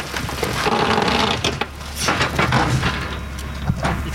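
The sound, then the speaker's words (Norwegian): A car crusher presses a car: a steady mechanical drone and whine with scattered metallic crunches and creaks, a few sharper snaps rising above the continuous rumble. “Hva sier den når den presser bilen da?”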